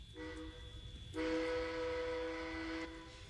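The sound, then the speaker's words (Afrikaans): A train locomotive's whistle being pulled sounds in two pulls: a brief blast, a pause, then a longer, louder sustained tone with rich harmonics, over a low rumbling background. “Nou kan jy die trein se vleit trek.”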